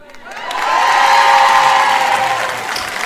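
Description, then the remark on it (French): An audience of women bursts into applause and cheering after the reading of Article 1 of a charter of women's rights in the home, while the men do not applaud: a dense wash of clapping with shouts and whoops rising quickly, holding strong, then easing slightly toward the end. “Les hommes ne sont pas tout à fait d'accord. Ils n'ont pas applaudi.”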